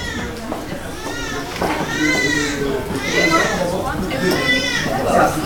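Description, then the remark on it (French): Several newborn babies wail in overlapping, high-pitched cries that rise and fall in steady waves, a continuous chorus of crying in a hospital maternity ward by the nursery during morning care time. “Bah, on entend déjà crier.”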